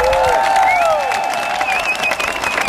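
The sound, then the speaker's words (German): A theater audience applauds loudly at the end of the premiere of the musical Grease, with dense, continuous clapping, while whistles and cheering shouts rise above the steady roar of the crowd. “Das hat der Applaus am Schluss von der Premiere ja gerade bewiesen.”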